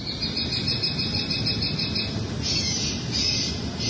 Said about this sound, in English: To try and stop the behavior, officials installed a set of deterrent devices earlier this summer that make loud bird calls. Here's a recording from a local resident.